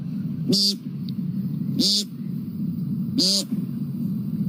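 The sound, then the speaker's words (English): A person imitates an American woodcock, giving three short, buzzy, nasal peent calls spaced evenly about a second and a half apart over a steady low background rumble. “Next, the American woodcock.”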